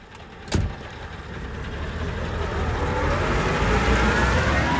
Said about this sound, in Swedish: Ja, lastbilarna rullar runt här på halkbanan. Det är ju elever som övar helt enkelt halkbana med tung transport.